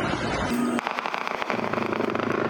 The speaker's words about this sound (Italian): Da qui gli spari e le minacce. Santa Marta paralizzata.